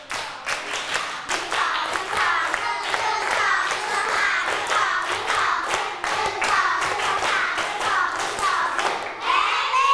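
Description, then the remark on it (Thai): A group of children claps one clap set together in a quick rhythmic pattern to show they are ready to hear a story read by their teacher, many hands striking in bursts with short pauses, loud for the whole stretch. “ถ้าพร้อมฟังนิทานปรบมือหนึ่งชุด”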